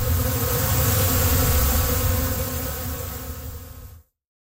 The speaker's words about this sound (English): There's no electricity to it. It's all the bees.